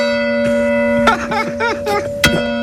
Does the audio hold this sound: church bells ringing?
yes